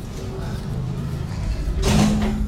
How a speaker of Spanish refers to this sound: Cierra la puerta que se va a tapar el aire. Yo no entiendo por qué no aprendes a cerrar la puerta. La puerta debe permanecer cerrada.